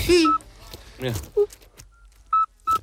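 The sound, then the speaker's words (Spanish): A toad's whistling call: about four brief, pure whistle notes repeated at uneven intervals, some higher-pitched and some lower, over a soft low rumble. “Y es un animal de hábitos principalmente nocturnos, lo cual me cae bien, y su canto recuerda al silbido este que nos han puesto, que no se lo creen ni Dios.”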